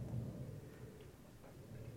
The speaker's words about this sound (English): So this is sort of my field recording. Just hear the wind.